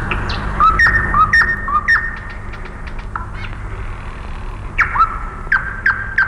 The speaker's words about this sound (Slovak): Tie slávičie trílky sú ako schody do výšav. Nesú nás stále vyššie a vyššie.